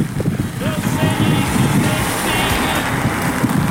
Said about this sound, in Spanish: Harto vientecito en el San Ignacio. Se nos viene fuerte el temporal. Mire la lluvia cómo está. Oye, está lloviendo tupidito, ¿ah? Está lloviendo tupido.